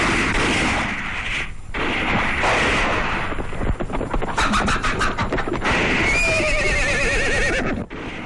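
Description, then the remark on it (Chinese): A rapid string of gunshots cracks out from outside as Japanese invading soldiers arrive, over a noisy, busy background, followed by a horse whinnying loudly. No one speaks. “外面传来枪声，鬼子来了。”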